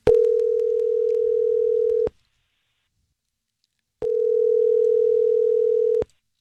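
A telephone line rings out twice as a call is placed to a woman, each a steady low electronic tone lasting about two seconds with a two-second pause between, clear as heard through the receiver, with no voices.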